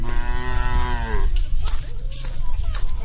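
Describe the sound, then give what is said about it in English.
A water buffalo, led home by an old woman in Guanming Village on Hainan, a tropical island in southern China, lets out a single long, low moo lasting over a second, followed by a steady rumble of outdoor background noise and faint, indistinct sounds. “An old woman, her back hunched from decades in the fields, leads her water buffalo home.”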